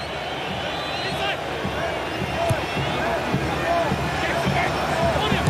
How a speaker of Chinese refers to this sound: 阿塞克球场现在虽然还是有着一些观众在欢呼，但是刚才那一段时间有那么几秒钟，似乎让我们想起了曾经的马拉卡纳球场，当年巴西和乌拉圭在那儿决赛的时候。